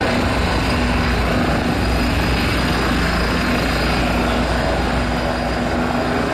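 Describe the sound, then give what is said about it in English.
A helicopter hovers overhead at the scene of a serious crash on the M25 near Godstone in Surrey, England, on a scorching hot day, with a steady, loud rotor drone and throbbing engine hum filling the whole stretch, continuous, with no voices. “A helicopter at the scene of a serious crash on the M25 today near Godstone in Surrey.”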